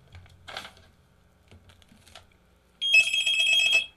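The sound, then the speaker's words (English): A telephone rings once with an incoming call to a radio call-in broadcast, a loud, bright electronic trill lasting about a second, preceded by a few faint clicks and soft handling noises. “Somebody called because that was the last thing I had to read. So we're going to get at least one phone call today.”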